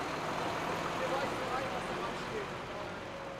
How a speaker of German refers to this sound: Bei diesem LKW ist aber alles in Ordnung. Der polnische Kühltransporter kann weiterfahren.